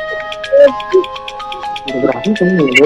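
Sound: phone ringtone ringing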